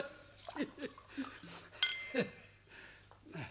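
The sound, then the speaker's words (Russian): A single bright clink of small shot glasses touching as drinks are poured for courage and a toast, ringing briefly amid soft clatter and muffled voices. “А рюмочку, а? Нет уж, позвольте. Для куражу, а?”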